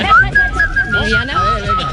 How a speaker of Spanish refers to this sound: ¿Sabes lo que se me da mejor? Se me da mejor silbar.